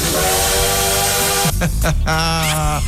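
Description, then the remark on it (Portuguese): A loud steam train whistle shrieks in a long sustained blast over hissing steam, breaks off briefly, then sounds again in a second, higher-pitched blast. “Vamos de trem bala então”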